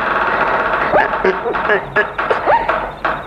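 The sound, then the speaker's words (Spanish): A heavy wooden door is forced open with dense scraping and knocking that comes in bursts, while a voice strains and grunts with the effort. “Hasta que se dio esta puertota.”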